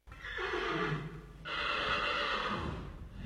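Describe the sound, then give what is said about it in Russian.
A horse neighs and snorts in two loud bursts, the first a shrill whinny and the second a longer, breathy one trailing into heavy exhales, with no voices present. “Наконец он увидел ржущую лошадь посреди маленькой полянки, окруженной елями.”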